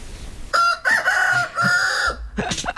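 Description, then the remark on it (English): A rooster crows loudly in a chicken pen, a long drawn-out call in several sustained segments, followed by a brief squawk at the end. No one speaks. “Very clear now where we are. We are in the chicken pen here.”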